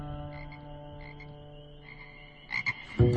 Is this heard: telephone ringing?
no